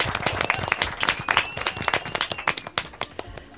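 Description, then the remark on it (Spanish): A crowd applauds with dense, steady clapping that gradually thins into scattered individual claps toward the end, loud, with a faint whistle-like tone running through the middle. “¡Fuerte aplaudimiento!”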